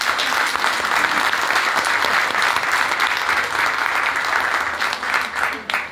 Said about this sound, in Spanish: Así que para que no se pongan tímidas, recíbanlas con un aplauso. Se nos perdió una candidata de nuestra. A ver, aplaudan más fuerte, a ver si sale.